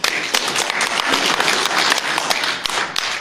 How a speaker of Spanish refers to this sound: Pertenece a la reserva de biosfera, a Vivir Israel, a quien también, por favor, un fuerte voto de aplauso.